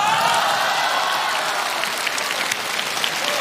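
An audience claps steadily after a stage performer asks for the audience's enthusiasm, a dense, sustained wash of applause that holds at an even loudness for a few seconds with no voices over it.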